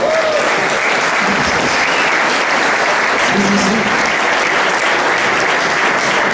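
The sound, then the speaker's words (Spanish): An audience claps steadily for several seconds, a dense, even wash of applause with no one speaking over it, after it is announced that the deed becomes the largest concession of the Comunidad de Madrid. “Es importante, podéis aplaudir si queréis.”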